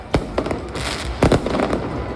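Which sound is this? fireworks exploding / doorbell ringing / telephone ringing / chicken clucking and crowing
fireworks exploding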